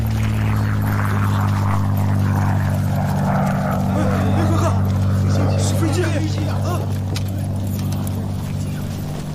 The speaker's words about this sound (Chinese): 共党的飞机来了，我们要不要下车防空啊？